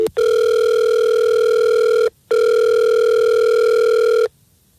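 Two long, steady electronic ringback tones from an outgoing phone call, each lasting about two seconds with a short pause between, loud and clear with no voices.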